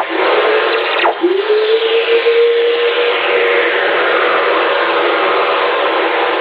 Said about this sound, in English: This is lightning. Well, the sound lightning makes in outer space. When lightning strikes down here, it releases all these radio waves out into the cosmos. They're called Earth Whistlers.